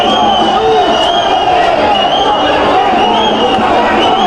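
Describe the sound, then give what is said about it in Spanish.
A stadium crowd whistles at player number 21, who does not want to leave the field, shrill sustained whistles riding over a loud, continuous roar of voices for the whole stretch. “Escuchemos a la gente silbándole al 21.”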